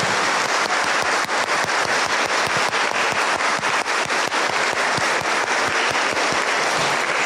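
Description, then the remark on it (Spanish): A church audience bursts into sustained applause for the fathers present on Father's Day. Many hands clap densely and steadily for several seconds, filling an indoor space with loud, crackling claps and no talking. “Pues vamos a darles un fuerte aplauso a todos los papás que están aquí presentes en este su día.”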